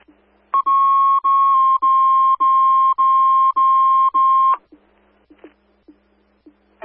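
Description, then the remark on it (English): A loud, steady electronic fire dispatch alert tone, high and pure with harmonics, sounds for about four seconds in rapid repeated pulses, then stops, leaving faint clicks and hum. The tones are placed for station coverage, dispatching Engine 3 and Ambulance 1 to a motor vehicle accident on Route 24 northbound south of Harrison. “Placing the tones for coverage.”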